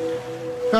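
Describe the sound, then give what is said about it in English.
A soft, steady wash of ocean waves fills the short clip, with a faint sustained tone underneath and a brief brighter burst of sound right at the end. “now you're drifting asleep to the scent and sound of waves.”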